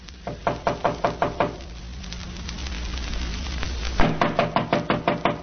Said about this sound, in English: Wait, I'll knock.